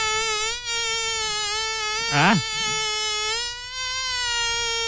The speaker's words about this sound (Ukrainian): Сьогодні у нас прекрасний звук, літній звук, який видає комар. Давайте послухаємо, як це звучить.